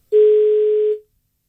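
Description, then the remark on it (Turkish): A single steady telephone dial tone sounds for just under a second, loud, then cuts off cleanly as a listener's call comes through on the phone line. “Evet, geliyor telefon hattımızdaki dinleyicimiz.”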